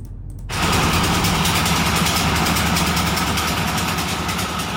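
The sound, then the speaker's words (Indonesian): After a brief quiet moment, heavy starch processing machinery kicks in with a loud, steady grinding roar and dense mechanical rattle that continues without pause, grinding aren palm trunks into starch for misoa noodles in Tulung district, Klaten, Central Java. No one speaks. “Suara mesin ini sudah puluhan tahun menjadi bagian dari kehidupan warga di Kecamatan Tulung, Kabupaten Klaten, Jawa Tengah.”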